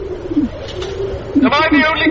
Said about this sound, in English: What? Why are you cooing? You're all bloody cooing.